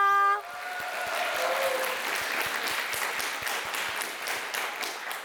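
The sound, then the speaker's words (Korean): A large audience bursts into sustained applause for the opening stage performance, dense clapping filling the space evenly for several seconds, with a brief tonal sound fading out at the very start. “첫 무대를 멋지게 장식해준 정갈한 아리 친구들에게 다시 한번 큰 박수 부탁드립니다.”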